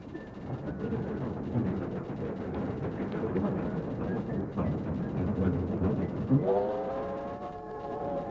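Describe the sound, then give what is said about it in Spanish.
Steam locomotives in the Peñarol neighborhood rumble and clatter steadily, then near the end a loud horn or whistle sounds, a sustained tonal blast that swells and holds over the rolling noise. “Pero Peñarol ha estado despertando desde hace muchísimos años con el sonido de sus trenes, de sus bocinas y sus pitos.”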